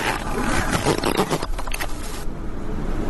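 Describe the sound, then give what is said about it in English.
A zipper is drawn in one long, raspy, ratcheting pull lasting about two seconds, loud, then cuts to a quieter hiss. No one speaks. “Well, no, because any zip can could be zipped at any length.”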